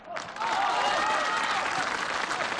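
The studio audience of the TV show Artistic Life (艺术人生) bursts into applause welcoming guest Feng Gong, the clapping swelling quickly after a brief start and then holding steady as a dense, loud wash of many hands.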